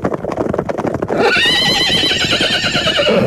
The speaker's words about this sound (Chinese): 随着一声马嘶